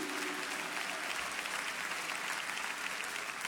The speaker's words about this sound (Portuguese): Você pode aplaudir o nosso Senhor Jesus Cristo.